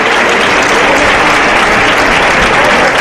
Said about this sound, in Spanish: Oh, ahí prácticamente en redondo David de Miranda para culminar con el pase de pecho. Eterno el de pecho, ¿eh? Y el público en pie aplaudiendo a su torero. A David de Miranda.